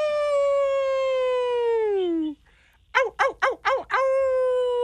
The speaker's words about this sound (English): I mean, it sounds like a wolf. You got that right.